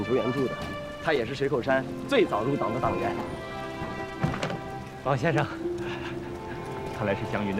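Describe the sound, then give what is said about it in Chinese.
Steady rain patters as a constant hiss in the background while people talk over it, with a sustained tonal layer running underneath. “今天下雨，您还亲自来接啊？”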